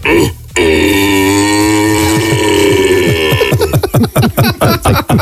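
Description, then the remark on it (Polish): A person imitates a red deer stag's roar using only cupped hands: one long, deep, groaning bellow lasting about three seconds, followed by a series of short, rhythmic grunting pulses. “Bo ty kiedyś brałeś udział w konkursie na nawoływanie jelenia i wygrałeś.”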